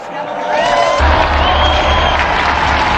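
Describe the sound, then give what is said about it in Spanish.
An audience applauds and cheers in tribute to Saint Callixtus (San Calixto), swelling within the first second and staying loud and dense, with a few rising whistles or whoops over the clapping. “Unidos, pues, a todos los papas que dieron su vida por la Iglesia, brindemos nuestro sincero aplauso a San Calixto.”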